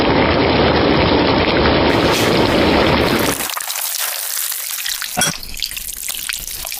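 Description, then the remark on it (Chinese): Eel bones fry in a hot wok to make a stock for stir-fried eel (ruandou), with a loud, dense sizzle for a few seconds, then ease into quieter, scattered crackles and pops. No one speaks. “现在我们物尽其用，把鳝鱼骨我们拿去煎汤，骨头熬出来的汤来炒这个软兜，它的味道会更加鲜美。”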